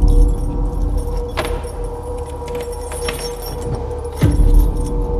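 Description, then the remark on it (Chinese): Keys jingle and scrape, rattling in the lock of a rented room's door, followed by a heavier clunk near the end as the door gives way and swings open. No one speaks. “开门。”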